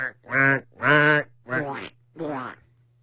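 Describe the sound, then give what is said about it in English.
A person imitates a duck mating call, giving four nasal, buzzy quacks in a loose rhythm, the first two louder and the last two a bit softer, over a faint steady hum. “Give me your sexy duck.”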